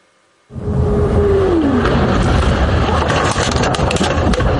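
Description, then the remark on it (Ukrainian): After a brief silence, a loud roaring rumble kicks in abruptly and holds steady, like a car driving with heavy wind buffeting, with a short falling whine early on. Recorded by a car dashcam of a witness during a Russian strike on a school in Ivankiv, Kyiv region, Ukraine, in the evening. “Це кадри із автомобільного реєстратора випадкового свідка російського удару по школі в Іванкові на Київщині.”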